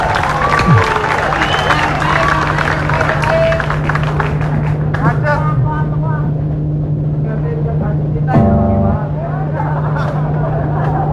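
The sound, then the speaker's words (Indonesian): A dense, noisy crowd murmurs over a steady low engine hum, with vehicle sounds, voices and a brief harsh horn-like blast near the end, at a busy bus terminal. “Iya, banyak orang di situ ya, di terminal ya. Banyak kepentingan lalu lintas, itu yang menarik di terminal.”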